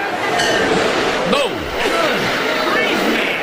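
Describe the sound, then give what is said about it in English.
A steady, loud rumbling roar fills the whole stretch, with a few pitched tones sliding downward partway through, as a commuter train rushes past a station platform. “Is this Metro North? Is he taking it down from Connecticut?”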